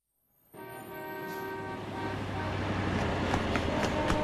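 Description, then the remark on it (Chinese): Busy long-distance bus station ambience fades in quickly: a steady rumble of idling engines with a sustained horn-like tone, growing slightly louder, with scattered clicks and clatter of activity throughout. “后来啊，我在长途汽车站发现了他。”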